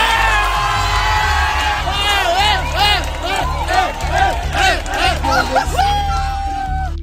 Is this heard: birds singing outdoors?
no